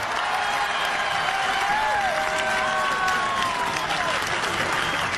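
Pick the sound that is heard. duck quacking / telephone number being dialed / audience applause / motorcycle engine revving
audience applause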